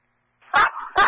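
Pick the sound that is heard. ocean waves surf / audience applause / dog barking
dog barking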